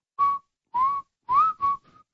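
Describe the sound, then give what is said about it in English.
Someone whistles a short song melody, four clear phrases with small pitch bends and a faint trailing fifth note, no talking. “The last time I was going to do this, I was going to whistle it, but I had my phone too far away so you couldn't hear it.”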